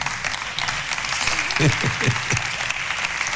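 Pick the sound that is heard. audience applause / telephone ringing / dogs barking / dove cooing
audience applause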